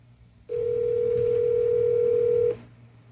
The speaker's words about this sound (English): There's the first ring of the $10,000 cash call.